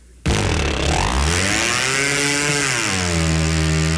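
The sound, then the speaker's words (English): An outboard boat motor bursts abruptly to life and roars loudly, its high, buzzing whine swelling and dipping as it revs, then running steadily with no voices. “When they do start, they sound like they're going straight up.”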